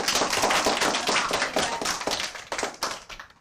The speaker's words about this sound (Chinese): 还有一个掌声。